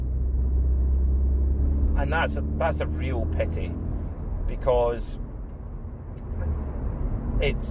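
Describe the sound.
A Volkswagen Golf R's engine and exhaust hum as a steady, low, even drone with no revving, running under a man speaking throughout.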